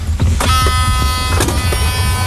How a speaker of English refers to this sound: Electric car.